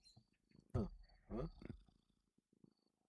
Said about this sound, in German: Jetzt fängt sie an zu schnurren.